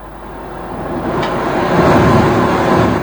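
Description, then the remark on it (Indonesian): A steady, dense rush of sea water in the waters off Hokkaido, Japan, from a video of a rare white orca, broad and noisy, swelling gradually louder over a few seconds with a low rumbling undertone and no voices. “Ya cuma suara air sih ya, laut.”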